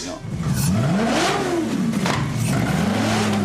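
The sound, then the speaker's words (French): A powerful 4.7-litre, 470-horsepower Maserati GranTurismo S V8 engine, fitted in a motorcycle, revs hard, its loud growl rising and falling in pitch through several throttle blips, continuous with a raspy, mechanical edge. “Enfin, celle-là, je voulais avoir le son du V8, en tout cas, et un moteur italien.”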